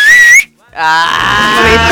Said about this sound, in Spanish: Mira, yo silbo para adentro, para afuera no me sale. Yo puedo silbar así.